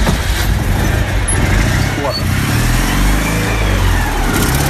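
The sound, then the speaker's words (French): An old car engine, cold and started after not running for some time, a loud, steady, rumbling idle that continues throughout, with people talking underneath the noise. “On va la mettre en route, voir si elle veut démarrer. Il y a un moment qu'elle n'a pas tourné, celle-là.”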